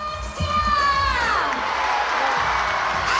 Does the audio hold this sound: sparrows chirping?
no